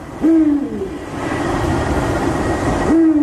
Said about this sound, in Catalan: T'imagines que quin animal diries que és? Un mussolet, no? Un mussol? De la família dels rapinyaires nocturns. És un duc, és l'au nocturna més gran que tenim a Catalunya.